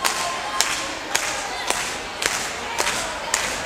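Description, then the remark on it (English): An audience claps in steady unison to get the next tune started, sharp hand claps landing at a regular beat about twice a second over a continuous wash of crowd noise. “In order to get this next tune started, we need a little bit of hand clapping out there.”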